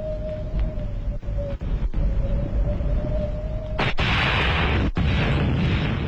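A steady low rumble with a faint whine gives way to a massive explosion of artillery shells that shakes the whole hilltop, erupting into a sustained, roaring blast of debris noise until the end.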